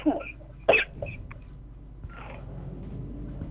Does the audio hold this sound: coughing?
yes